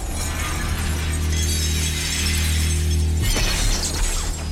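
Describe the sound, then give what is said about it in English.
A control room's large observation window shatters loudly as someone smashes through it, a sustained crashing burst over a low mechanical hum, followed by a second wave of tinkling, scattering shards. “Her face contorted with rage, she smashes through the observation window into the control room.”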